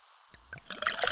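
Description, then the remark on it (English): Pepsi Zero Sugar cola pours into a glass, a brief liquid gurgle building into bright crackling carbonation, fairly quiet, with no voices. “Listen to that endless pour.”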